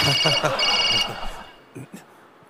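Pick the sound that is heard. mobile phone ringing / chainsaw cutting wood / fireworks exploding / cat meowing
mobile phone ringing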